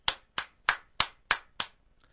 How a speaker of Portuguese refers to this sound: E nós do PMDB batemos palmas.